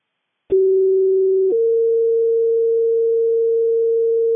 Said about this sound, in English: stand by for tones on an abdominal pain.